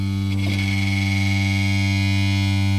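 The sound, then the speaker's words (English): A can of nuts and bolts on a table buzzes and rattles steadily, set vibrating through a dish and the desk by a sustained low, droning note, the lowest note being played. After a brief clatter near the start, the loud, gritty buzz holds evenly. “when I play the lowest note, there's actually a buzzing coming from a different part of the room over here.”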